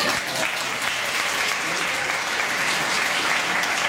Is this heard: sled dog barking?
no